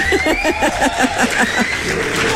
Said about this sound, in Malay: Kita nak berikan tepukan yang gemuruh